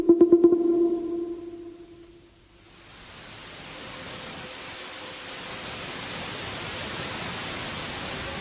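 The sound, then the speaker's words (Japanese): A low, wavering horn-like tone sounds briefly at first, then fades into a steady, rising wash of ocean waves on the shore that continues evenly to the end, with no voices. “わあ、海へ来ちゃったよ。あの船が今出るとこだ。”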